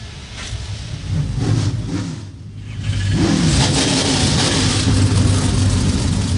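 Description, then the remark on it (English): A field of 36 NASCAR Craftsman Truck Series race truck engines fire up and rev together on the pit lane, a loud, dense roar that briefly dips, then surges and holds steady with rising, rumbling pitch. “A field of 36 come to life on the pit lane.”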